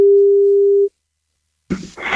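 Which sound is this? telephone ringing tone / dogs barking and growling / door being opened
telephone ringing tone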